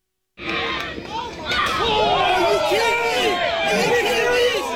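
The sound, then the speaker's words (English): A crowd at a youth baseball game erupts in loud, overlapping shouting and chatter, many voices yelling at once in a sustained uproar after a sudden start, reacting after a 12-year-old pitcher threw the ball into the opposing team's dugout. “And you could hear the crowd afterwards.”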